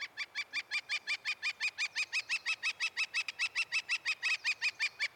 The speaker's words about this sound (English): The northern flicker.